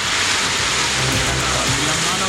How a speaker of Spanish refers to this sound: Estaremos muy atentos a cómo se esté desarrollando esto, y es algo que está ocurriendo en varios puntos también a esta hora, donde ya se reporta la caída de lluvia y granizo en la Araucanía.